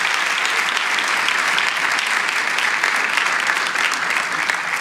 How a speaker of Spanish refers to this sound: ¿Podemos dar un aplauso de agradecimiento a Cristo por la iglesia? Gloria a Dios.